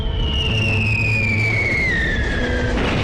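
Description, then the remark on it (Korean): A shrill whistle slides steadily downward over a dense, rumbling low roar, like artillery fire ahead drawing closer to an advancing vehicle convoy. Loud and continuous, with no voices. “앞에서는 포성이 점점 가깝게 들려왔고 자동차 대열은 위험을 무릅쓰고 나무로 전진했다.”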